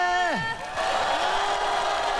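A voice glides sharply downward in pitch, then an audience breaks into steady, dense applause mixed with some cheering that keeps going at a fairly even loudness.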